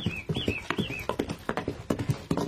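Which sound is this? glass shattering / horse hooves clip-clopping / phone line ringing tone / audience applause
horse hooves clip-clopping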